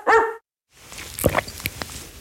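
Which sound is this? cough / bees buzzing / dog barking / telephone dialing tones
dog barking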